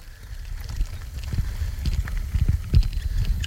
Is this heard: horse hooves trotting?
yes